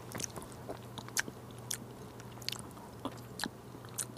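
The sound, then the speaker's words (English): Quiet, wet mouth noises of someone tasting a spoonful of hummus: irregular soft smacks and clicks over several seconds, with a steady low hum underneath and no talking. “chickpeas are always different, so it's really important that you taste your hummus when you make it.”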